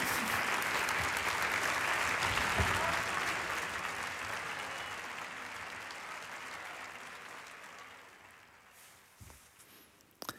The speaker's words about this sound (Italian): E noi riprendiamo la linea qui in studio in Via Asiago con questi begli applausi che hanno accolto anche il vincitore Carlos Fernando Reynoso di questa quinta edizione del concorso Voci in Barcaccia